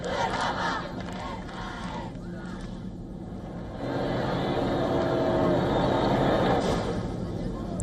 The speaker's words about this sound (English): People cheer as the Pope arrives in his Pope Mobile, waving flags, throwing flower petals and shouting, "Long live the Pope!"